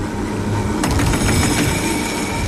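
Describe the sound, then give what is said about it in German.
A 130-year-old tram rumbles steadily along its track, with a burst of clattering, rattling wheel noise midway and a sustained low drone throughout, loud, no voices. “Aber nicht zu einem ganz normalen, modernen, sondern zu einem außergewöhnlichen alten Tram.”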